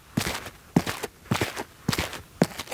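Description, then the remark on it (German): Five steady foley footsteps on asphalt sprinkled with coffee grounds to imitate dirt, each step a dull thud with a gritty scrape, evenly paced, with no one talking. “Man könnte zum Beispiel noch ein bisschen Kaffeepulver drauf machen für so ein bisschen Dreck.”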